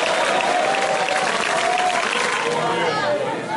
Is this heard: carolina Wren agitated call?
no